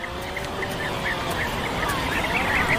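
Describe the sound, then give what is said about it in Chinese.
Atlantic puffins calling at a breeding colony on Skomer Island, a nature reserve in Wales, a dense, unbroken din of overlapping croaks and groans that holds steady and fairly loud throughout, with no talking. “斯科莫岛是威尔士最重要的自然保护区之一，海岛周围鱼类资源丰富，北极海鹰数量因此不断增长。”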